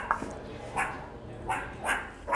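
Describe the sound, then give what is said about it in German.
Meerkats calling in a series of short, sharp yipping chirps, about five in quick irregular succession, over a low rumbling background. “Keine Frösche, sondern die Erdmännchen.”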